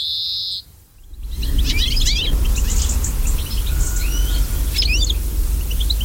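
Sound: european greenfinch song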